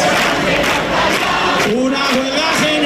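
A large protest crowd marching in a street in Madrid, Spain, demonstrating for the right to housing, chants loudly for a general strike, many voices merging into a dense, continuous roar with rising shouted cadences, sustained throughout.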